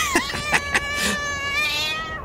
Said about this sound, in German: Ich muss mich jetzt mal um die Katze da oben kümmern, sonst fällt die mir noch runter.